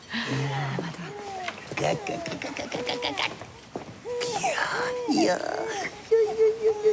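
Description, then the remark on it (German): A baby cries in a series of loud wailing bursts, each cry rising and falling in pitch, with short gasping pauses between them. “Wer schimpft denn da so laut?”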